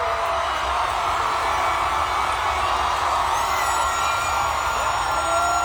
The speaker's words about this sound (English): This one might be a little bit more difficult, but this is undoubtedly the loudest cheer.